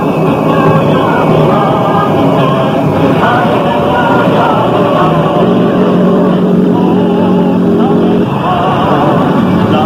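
Centella's vehicle engine roars loudly and continuously, its pitch climbing in surges as it accelerates hard to pursue Goda, with a rough, revving drone throughout.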